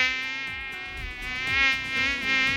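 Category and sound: insect, asian tiger mosquito buzzing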